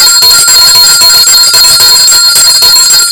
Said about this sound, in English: My goodness, I'll ring the bell. This is the one I'm looking for.